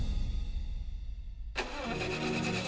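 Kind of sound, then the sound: vehicle, car engine starting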